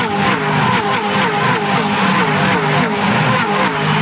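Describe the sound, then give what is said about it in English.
Loud, continuous roar of race car engines accelerating together around a racetrack as the cars come across the mountain for the second time, dense and sustained with shifting engine tones and a hint of tire squeal, dominating the whole stretch. “Brilliant, up under the tree as they come across the mountain for the second time.”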